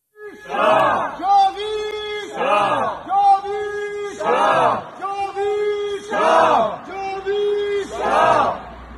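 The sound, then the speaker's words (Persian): A crowd of Iranians rallying in front of the German Foreign Ministry chants a slogan in unison, repeating the same shouted phrase about every two seconds in a steady, loud rhythm, with voices rising and falling together on each line. “تعدادی از ایرانیان مقابل وزارت امور خارجه آلمان تجمع کردند.”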